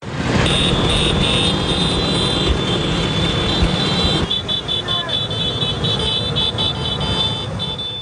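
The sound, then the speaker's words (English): A dense swarm of over 10,000 small Vespa scooters buzzes and whines past through the ancient streets of Rome, Italy, during the Vespa's 80th anniversary celebration, a steady loud drone of traffic with occasional revs and a faint murmur of voices underneath. “Organizers say over 10,000 Vespas are swerving through the ancient Roman streets.”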